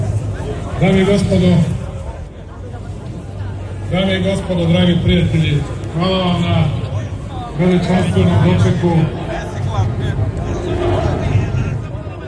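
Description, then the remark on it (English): A large crowd at a government rally in Belgrade, Serbia, supporting the ruling party, chants and cheers as President Aleksandar Vučić takes the stage: loud, rhythmic bursts of many voices, each phrase repeating roughly every two seconds, with a steady roar of cheering and shouting filling the gaps. “As he took to the stage, the crowd chanted and cheered.”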